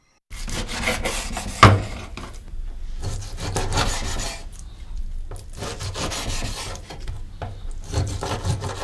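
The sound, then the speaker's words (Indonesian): A knife saws and scrapes through chicken laid skin side down on a wooden cutting board, dicing it into 3 cm cubes, in repeated rasping strokes, with one sharp knock early on. No one speaks. “Akan lebih mudah memotong daging ayam kalau kita meletakkan sisi bagian kulitnya di atas talenan.”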